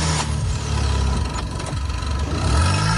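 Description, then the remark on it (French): A broken-down car's engine, started with jumper cables from a donor car, runs loud, its low rumble rising and falling as it revs steadily for a few seconds, with no voices. “puis essayer de démarrer la voiture en panne.”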